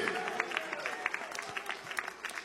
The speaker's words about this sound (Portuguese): Pode aplaudir o nome deste Deus. Pode aplaudir bem forte, bem alegre.